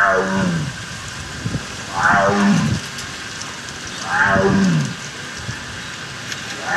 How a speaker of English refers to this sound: Echo, a Sumatran tiger at the Akron Zoo.